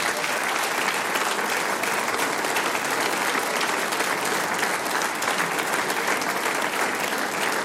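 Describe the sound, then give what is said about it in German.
Sustained applause from an audience for a young footballer from FC Trofeiach, a dense steady wash of many hands clapping at full strength for several seconds without pause, loud. “Und jetzt kriegst du einen großen Applaus.”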